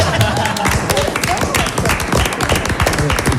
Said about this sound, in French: Bon, on peut l'applaudir.